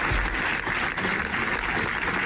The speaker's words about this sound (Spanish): Es el sonoro aplauso que ha resonado esta mañana en las escalinatas de la Diputación Provincial de Zaragoza en recuerdo del bombero y del trabajador fallecidos ayer en un aparatoso incendio de un taller mecánico de Calatorao.